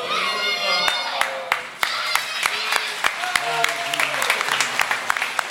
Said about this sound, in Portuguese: Aleluia, aplaude ao Senhor Jesus. Ele merece.